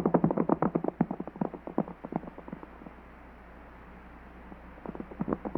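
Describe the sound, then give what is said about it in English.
Horses ridden by a group of riders chasing a fleeing man on horseback gallop in a quick, pounding rhythm of hoofbeats that fades away into near silence midway, then builds again toward the end. No voices are heard. “His horse must be fresh, and ours are tired. We can't seem to gain on him.”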